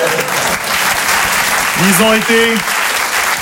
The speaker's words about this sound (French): On applaudit l'équipe technique.